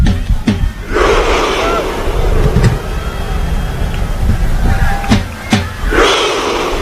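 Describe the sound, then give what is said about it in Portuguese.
A large crowd of Norway supporters at MetLife Stadium roars and shouts together as Haaland beats a drum after Norway's win over Brazil, a dense, loud wall of voices broken by a few sharp, spaced-out bursts that suggest a rhythmic chant. “Bateu a segunda vez. Vai na terceira. E a torcida grita.”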